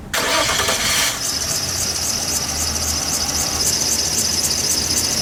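A car engine that has broken down again fails to start, cranking with a harsh, squealing burst, then settling into a steady rumble and high whine without catching cleanly. Loud, with no voices.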